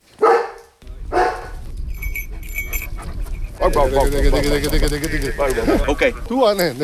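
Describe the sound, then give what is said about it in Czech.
A specially trained mountain rescue dog gives two loud barks in quick succession during training to search for people lost in mountain terrain near Labská bouda in the Krkonoše mountains, Czech Republic, followed by outdoor background noise and then a person talking. “V okolí Labské boudy v Krkonoších je v těchto dnech slyšet hlasitý štěkot.”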